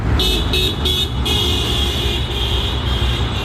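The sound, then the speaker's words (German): Friday-morning street traffic rumbles at a market square where commuters wait for the bus, while car horns toot in a few quick bursts, then blare in one long sustained honk over the steady road noise. “Draussen ist es mittlerweile hell geworden und beim Marktplatz haben Pendlerinnen und Pendler auf den Bus gewartet, um zu arbeiten oder in die Schule.”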